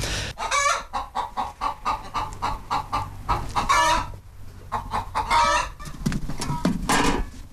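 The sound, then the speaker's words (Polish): Several chickens cluck busily over one another, a dense run of short, choppy calls with occasional drawn-out squawks, steady and fairly loud throughout with no talking. “Kurom dać jeść to ziemniaki, bo muszą kurki jeść właśnie.”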